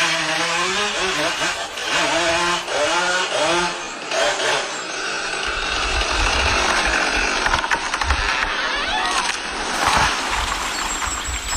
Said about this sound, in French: Zachary saisit fermement la vieille tronçonneuse dans sa main droite. D'un geste appliqué, il appuie sur le bouton noir marqué ON. Un grondement mécanique déchire le silence.